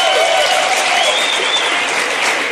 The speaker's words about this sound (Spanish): Aplaudan, hombres, aplaudan.